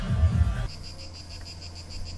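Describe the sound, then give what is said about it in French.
Cicadas chirping in Néoul, at the foot of the Sainte-Baume mountains, in a steady, pulsing high-pitched buzz that repeats rapidly and evenly throughout, over a low background rumble after a brief muffled thump at the start. “Vous entendez le calme des cigales de Néoul.”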